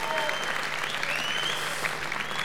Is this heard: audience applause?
yes